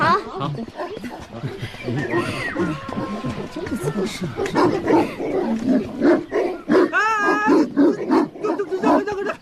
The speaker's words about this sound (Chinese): 狗怎么就围攻我一个呀？让你这狗真是！